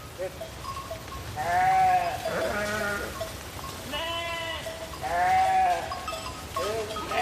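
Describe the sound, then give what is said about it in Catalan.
The public flock of sheep and goats of Vilamòs, in the Val d'Aran, which clears undergrowth beneath the village's power lines, bleats repeatedly, several overlapping wavering calls from different animals, fairly loud, over a steady outdoor background murmur. “Aquest és el ramat públic d'ovelles i cabres o biuec.”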